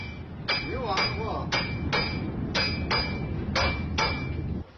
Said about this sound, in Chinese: 这个小锤放那儿。嗯，他说我多少年不打铁了，忘了说。